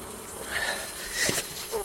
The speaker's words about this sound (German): Wespen.